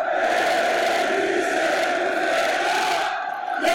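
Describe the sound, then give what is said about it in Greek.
A packed crowd in the indoor Telecom Center arena chants loudly and continuously, a dense roar of many voices holding steady rhythmic phrases with no pauses, easing slightly only near the end. “Τα συνθήματα δεν έχουν σταματήσει.”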